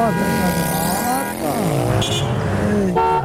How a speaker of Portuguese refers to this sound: Ó. Essa é a buzina do pessoal